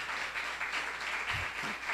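A church audience claps steadily together for Jesus, a dense, continuous wash of many hands with a fairly even loudness and no voices on top.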